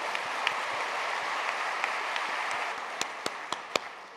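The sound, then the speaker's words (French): An audience applauds the mothers-in-law among them steadily in a dense, crackling wash of many hands clapping, with a few sharper, louder individual claps standing out near the end. No one speaks. “Regardez, applaudissez les belles-mères.”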